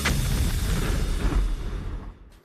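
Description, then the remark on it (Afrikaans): A loud, rumbling explosion sound effect introducing the radio segment "Die Bosveld Studio Ontploffing", with a sharp initial blast that rolls on as a deep, sustained roar before fading out near the end. “Die Bosveld Studio Ontploffing, geborg deur Casper Creer Finansiële Beplanners.”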